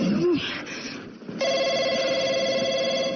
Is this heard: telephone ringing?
yes